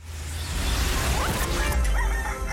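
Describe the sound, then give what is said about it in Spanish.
A rooster crows amid a dense, loud wash of noise and low rumble, its rising call cutting through briefly in the middle of the busy sound effect. “A la hora en que los gallos cantan,”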